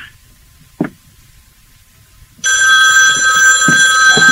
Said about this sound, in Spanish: El teléfono.